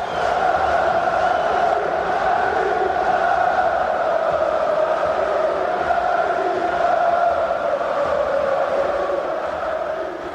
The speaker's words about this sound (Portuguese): O som da festa nas bancadas de San Siro.